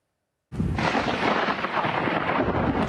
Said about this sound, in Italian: Un violento temporale sferzato da vento ad oltre 120 km orari e da una tromba d'aria sul litorale ha colpito la Versilia, lasciando dietro di sé danni a stabilimenti balneari, cantieri nautici, abitazioni private, in particolare a Viareggio.